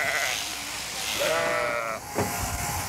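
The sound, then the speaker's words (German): A sheep bleats loudly during shearing, a wavering, quavering call over a constant mechanical hum, with a sharp thump near the end. “Aber kein Schaf findet das besonders lustig, so auf den Hintern zu hupfen.”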